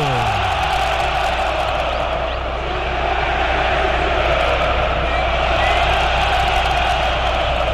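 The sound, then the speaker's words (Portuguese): A stadium crowd of Corinthians fans at Arena Itaquera roars and cheers without pause after a penalty is awarded to Corinthians against Estudiantes, a dense, loud wall of many voices that holds steady throughout, dipping only slightly midway before swelling again. “E agora a Arena Itaquera, que havia sido desligada, ganha uma chama nova, ganha um grito novo!”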